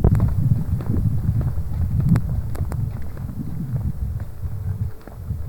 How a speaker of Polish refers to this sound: Ok, proszę Państwa, właśnie wyszedłem i teraz może na chwilę na dworze nagrać, może akurat jakiś samochód będzie jechał, trochę wiatr wieje, więc dlatego są zakłócenia.